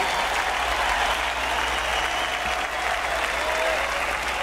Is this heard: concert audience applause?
yes